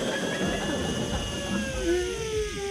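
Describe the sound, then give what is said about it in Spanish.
A voice imitates a hotel room hair dryer: a continuous breathy whirring drone with thin, wavering whistle-like tones, held steadily for about three seconds. “Coge el secador de la habitación del hotel y empieza a bolearse ese secador.”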